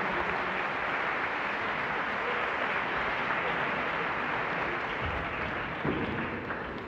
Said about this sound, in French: Et je pense qu'on peut applaudir, que vous pouvez vous applaudir et qu'on peut remercier toutes les personnes qui ont rendu ce moment possible.